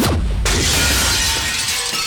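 A loud crash of glass shattering, with a sharp initial impact followed by a dense, crackling spray of falling shards that rings on for about two seconds. No voices.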